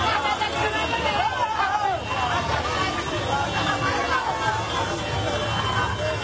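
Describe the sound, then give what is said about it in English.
A dense, steady roar of a street parade crowd, overlapping voices and chatter blending into a constant loud hubbub with a low rumble underneath, much like the drone of a traffic jam. It is the rugby league World Cup parade on the streets of Vila, Vanuatu, on a Friday. “Yes, it might sound like a traffic jam. In many ways, it kind of was a traffic jam.”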